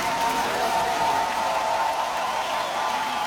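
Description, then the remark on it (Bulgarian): A concert audience at the Olympia hall in Paris, standing to applaud a Bulgarian singer after a song in her two-hour concert, claps steadily, a dense, loud wash of many hands clapping with no break and no one speaking. “Публиката ставаше на крака, за да аплодира българската певица след края на всяка песен.”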